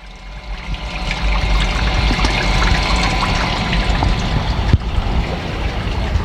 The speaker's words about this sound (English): And the creek has always been an influence on me in various ways. You know, ecologically, the flow of water,